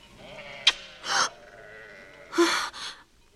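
Sheep belonging to Laban bleat a few times in short, wavering calls as they are being watered, with a couple of bursts close together near the end, clear against a quiet background with no talking.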